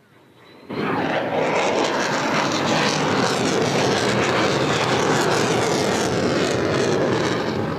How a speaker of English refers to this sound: And you see them coming in now. These are the F-35s, and just listening to the roar of these.